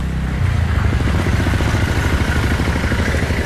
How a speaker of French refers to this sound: Ici, on voit qu'il y a un balai incessant de voitures, de motos, des camions de l'armée, plusieurs jeeps aussi d'ONG.